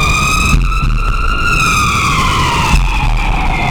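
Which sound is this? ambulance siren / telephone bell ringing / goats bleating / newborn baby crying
ambulance siren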